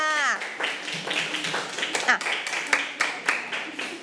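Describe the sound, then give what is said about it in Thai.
A class of students clap their hands together for themselves in a quick, uneven burst of applause, with some voices chattering over the claps. “กลุ่มที่5ถูกต้องไหมคะเอามือลงปรบมือให้กับตัวเองค่ะ”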